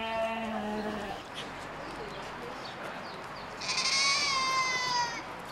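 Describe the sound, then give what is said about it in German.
A goat bleats twice, first a low wavering call lasting about a second, then a higher, strained cry a few seconds later, over a steady background hiss. “So, Ziege noch.”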